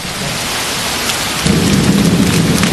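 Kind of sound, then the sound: nature, rain falling outside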